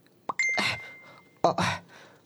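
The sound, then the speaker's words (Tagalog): A phone's chat notification chime plays twice, each a short bright ding with a shimmery burst, the first tone lingering about a second before the second chime sounds. Clear, with no voices. “Nag-chat gid man si Mami. Basahon ko.”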